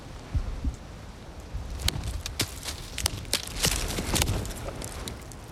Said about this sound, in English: a tree knock. It's a type of call and response from hitting a tree. Bigfoot believers say this is how they sometimes communicate with us. We find a tree that might actually give a sound. I guess we'll just try this one.